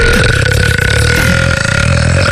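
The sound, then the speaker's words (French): A loud, drawn-out burp rumbles steadily for a couple of seconds, dominant, with a low gravelly rasp and no other sounds around it. “T'as roté toute la nuit.”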